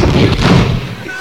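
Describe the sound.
A loud bathroom door slam with a heavy thud, followed by a brief rattle of the lock turning as it is locked, then fading into muffled background noise.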